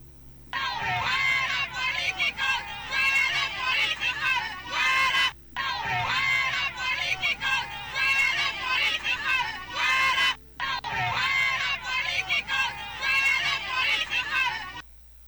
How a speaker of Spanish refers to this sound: Así le gritaban a Mel y a el ex embajador de Honduras en la OEA.